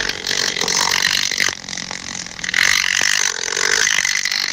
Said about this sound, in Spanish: Y los machos tienen unas antenas con forma como de pluma o peine, muy larga, que a gran distancia pues pueden detectar esas feromonas y empiezan a dar vueltas alrededor moviendo las alas y hacen un ruido súper fuerte.